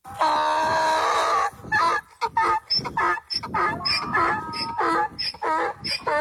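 A donkey brays loudly, starting with one long drawn-out honking wail, then breaking into a rapid series of rhythmic hee-haw gasps and honks that continue to the end.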